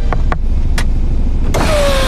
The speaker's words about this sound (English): Soon, flashing red and blue lights lit up the street, and I heard someone tapping on my driver's window.